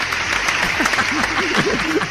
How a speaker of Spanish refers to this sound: Pero bueno, fuerte el aplauso.